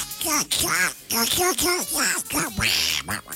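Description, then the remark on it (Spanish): A person does a raspy duck-voice imitation, a run of nasal quacking bursts in quick succession, fairly loud, with no other sounds around it. “Con la voz de pato.”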